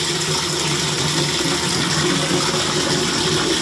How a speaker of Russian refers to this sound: с утра пораньше набирает воду в ведра и тазики.